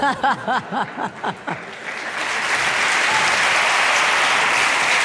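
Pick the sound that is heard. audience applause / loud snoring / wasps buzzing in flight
audience applause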